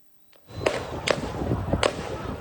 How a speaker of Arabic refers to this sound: رصاص كثيف، شهداء وجرحى في المكان، هجوم مستوطنين جديد في قرية تل غربية مدينة نابلس بالضفة الغربية المحتلة.